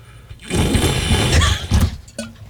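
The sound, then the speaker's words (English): Water is poured into a coffee cup in a rough, gurgling rush that lasts over a second, then stops with a short, hollow plop. No one talks. “that plop at the end sounded terrible. Like you better check your sink.”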